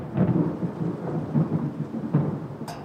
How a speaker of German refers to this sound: Du, wenn ich das Grollen immer so höre, ist die Angst vor dem Wetter natürlich schon relativ groß.